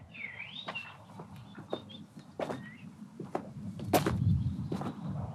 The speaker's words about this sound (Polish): Wsłuchajcie się w muzykę, która was otacza. Muzykę spokojnych, cichych kroków.